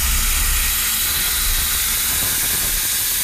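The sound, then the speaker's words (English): A loud, steady hiss of steam venting from a restored, lovingly maintained train at Fort Edmonton Park, broad and continuous throughout with a low rumble underneath and no voices. “If we were as maintained as this train, we would live to be 107, 150.”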